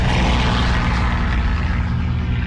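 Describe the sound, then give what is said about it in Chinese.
A propeller aircraft's engines roar loudly and steadily overhead in the sky over Yan'an, China, on the morning of 20 November 1938: a thick, continuous droning rumble with low throbbing tones that holds without a break, and no voices are heard. “1938年11月20日，这天清晨，延安上空突然响起飞机的轰鸣声”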